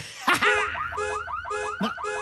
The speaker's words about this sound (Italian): Ma che cos'è questo suono assordante? Scusa. Oh, per tutte le galassie. Devo aver dimenticato l'allarme schiva asteroidi inserito. Puoi aspettarmi un momento? Vado a disinnescarlo e torno.